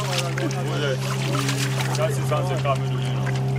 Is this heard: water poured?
yes